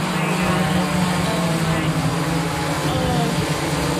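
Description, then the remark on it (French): An Amazon delivery drone flies overhead above a town near Dallas with a steady, loud propeller drone: a low buzzing hum with a whiny harmonic edge, holding constant without pause for the whole stretch. “Il n'empêche, le bruit exaspère les habitants de cette ville près de Dallas et nous aussi.”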